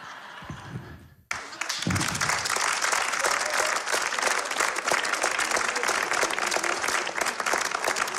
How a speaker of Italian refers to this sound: Prima volta che mi fanno un applauso per questa cosa, per questa mia particolarità, e comunque no.